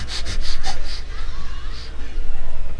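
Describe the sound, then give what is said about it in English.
A voice imitates a husky dog that has stopped dead in its tracks and sniffs all around: a quick run of five or six short, breathy sniffs, then a pause and a couple more sniffs, fairly loud. “King, that great wonder dog, stopped dead in his tracks. Start sniffing all around.”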